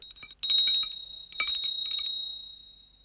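A small bell that has fallen into Mr. Spider's web rings in two quick bursts of rapid dings, a high clear tone that lingers and fades slowly after each flurry, fairly loud with no voices.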